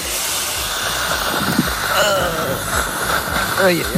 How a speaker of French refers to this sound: L'aspirateur de salive, ah, là, c'est oui. Le dentiste. Ah oui, le fameux aspirateur de salive.